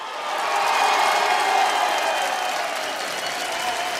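A crowd applauds loudly and steadily, a dense wash of clapping that swells in the first second and holds at full strength, with a few faint cheers mixed in.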